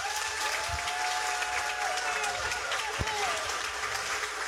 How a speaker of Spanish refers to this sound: Un aplauso para él.